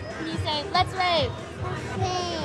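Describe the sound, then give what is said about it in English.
Lively crowd of toddlers and parents chattering and calling out at a rave party in Baltimore at 5 p.m., over a steady low thumping beat, with high excited kid voices rising above the busy hubbub. “It's 5 p.m. in Baltimore, and the party's just getting started.”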